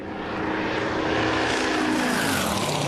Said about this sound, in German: Bitte die Drohne entfernen. Drohnen dürfen nicht auf der Strecke sein.